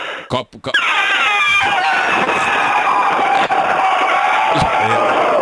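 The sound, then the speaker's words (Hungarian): A person trumpets like an elephant: a loud, brassy, high-pitched vocal blast that slides downward and then holds, strained and unbroken, for about four seconds after a brief sputtering start. “Jó, hozom az elefántot.”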